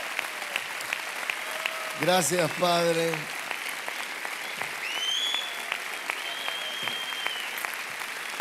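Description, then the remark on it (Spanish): A standing church audience applauding people from a rehabilitation center in a steady, sustained wash of clapping that fills the whole stretch, with a voice briefly speaking over it and a few faint whistles cutting through. “Podría preguntarle a todos, yo quisiera que nos pongamos de pie los que estamos sentados y vamos a aplaudirlos. Amén, un aplauso para ellos.”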